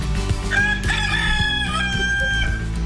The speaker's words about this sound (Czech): Ano, to je jenom kohout zakokrál, pardon, on je nějaký náruživý, nejde mi vypnout.